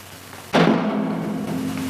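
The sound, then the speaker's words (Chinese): A heavy solid ball dropped onto a newly built, somewhat elastic soundproofed floor lands with one dull, muffled thud and barely bounces, leaving a low steady rumble hanging on for over a second afterward. “好，可以明显感觉到整个音量是不一样的，而且这个实心球因为底下的地板具有一定的弹性，所以几乎没什么跳动。”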